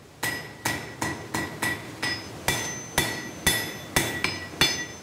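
A blacksmith's hammer strikes an anvil on a stone base in a forge dug into the rock in the Val di Rabi, about a dozen times in a steady, slightly uneven rhythm, each blow a sharp metallic clang with a bright ringing tail, fairly loud, with no voices.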